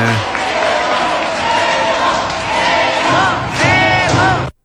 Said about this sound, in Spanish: Sí, Paco Memo, caminando en cuatro vientos ante todo el público, la gente le aplaude, le grita, sí.